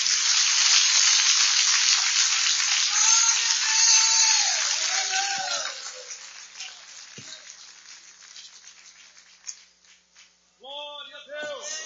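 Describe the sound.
A church audience claps in a dense, steady wash of applause to welcome a pastor, with scattered voices calling out, then the clapping dies away over a few seconds and a man starts speaking.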